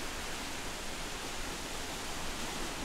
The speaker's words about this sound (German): Ich liebe Wasserfälle, muss ich ehrlich sagen, und die Kaskaden, es ist einfach schön. Und vor allem im Sommer eine gute Abkühlung.